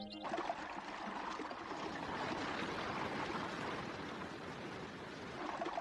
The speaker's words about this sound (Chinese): 伴随着飞珠溅玉般的水声，瀑布化作一条条玉色的白链，交错着流泻而下，注入采芝。